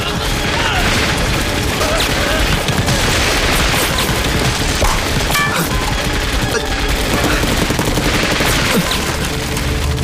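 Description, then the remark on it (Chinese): Heavy, continuous gunfire at the warehouse opposite fills the whole stretch: rapid overlapping shots and bursts crack out in dense succession at a steady loud level, with a few heavier thuds mixed in. “团座，你听，对面仓库也有枪声。”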